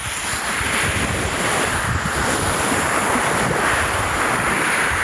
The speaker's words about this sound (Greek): Αυτό τον ήχο της θάλασσας. Το κύμα που σκάει στην ακτή. Διάφανα νερά. Κυκλαδίτικες ακτές. Αυτός ο ήχος.